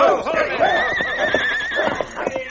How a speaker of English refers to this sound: Darting in and out among the three horses, King nipped savagely at their legs and flanks. His attack threw the horses into a panic. They reared and plunged wildly.